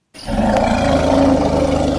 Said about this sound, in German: Für uns und unter normalen Umständen sind diese Laute nicht hörbar. Für Elefanten aber schon. Sie sind sogar ziemlich laut. Afrikanische Elefanten kommunizieren mit sogenannten Infraschalltönen, und zwar kilometerweit.